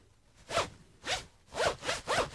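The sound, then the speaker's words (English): A clothing zipper is zipped back and forth five times in quick strokes, fairly loud, each pass a bright raspy burst with short gaps between. “Your zip is killing me there.”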